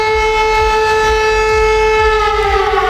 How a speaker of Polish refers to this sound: Jeszcze do godziny 19 potrwają ogólnokrajowe ćwiczenia Alarm 26. Ćwiczymy dzisiaj system ostrzegania i alarmowania wojsk, jak również ludności cywilnej. To stąd ten sygnał, tak? Wycie syren. Tak, te sygnały, które teraz Państwo słyszycie, są właśnie